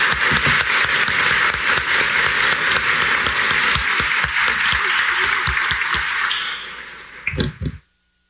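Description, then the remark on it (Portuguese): A crowd claps steadily to welcome a group called the campixinhas de Jesus as they are presented to the community, a dense, even wash of applause for about seven seconds, ending with a few louder final claps before it stops abruptly. “Uma salva de palmas, acolhendo a eles.”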